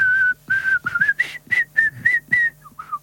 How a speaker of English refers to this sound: I like whistling, but after a few seconds, it kind of gets a bit dull.